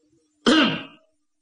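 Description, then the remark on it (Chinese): A single light, fairly soft cough from someone outside a tent door, lasting about half a second with a throaty, rasping tail, made by a voice imitating the sound in otherwise near-silence. “盖小娘正在这琢磨着功夫，就听帐外边有脚步声音临近，紧接着在他这个帐门外有人轻轻的咳嗽了一声。”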